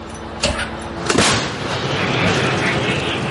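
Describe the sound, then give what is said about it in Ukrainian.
A Ukrainian Bogdana 155 mm self-propelled artillery gun fires a shell in the Chasiv Yar area: a sharp, heavy blast with a second crack right after, followed by a lingering rumble and broad outdoor noise. “155-міліметровий снаряд ще у повітрі, а екіпаж вже згортає гармату та швидко повертається в укриття.”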